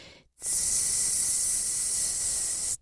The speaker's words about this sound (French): je voudrais vous présenter un animal pas du tout aimé par le commun des mortels, à savoir la couleuvre verte et jaune. J'ai eu la chance d'entendre un sifflement de serpent dans un mur de pierre sèche.